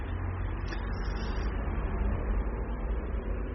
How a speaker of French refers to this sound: Rue du Four passe une grosse moto, une DS, une voiture, encore une voiture, sur laquelle il y a écrit Maurice Vial. Un autocar couchette estourné frère avec des gens dedans.